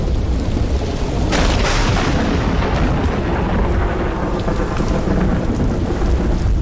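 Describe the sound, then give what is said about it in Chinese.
Heavy rain pours down in a steady, dense hiss while deep rolling thunder rumbles throughout, with lightning in the sky as the season changes, and a sharper crack of thunder breaking in early before the rumble continues. No voices are heard. “空中电闪雷鸣，一场大雨侵”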